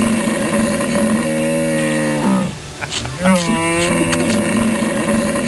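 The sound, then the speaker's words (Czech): A human voice imitates a hippopotamus with deep, droning bellows: a long sustained groan, a short gap of rough grunting, then another wavering, gradually falling call, loud throughout. “Já myslím, že velký, tlustý hroch. Ano, velký tlustej to sedí.”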